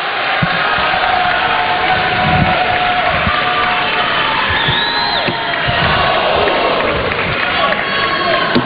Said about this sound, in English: Crowd now comes to their feet as they sense it for the 13-year-old from Illinois.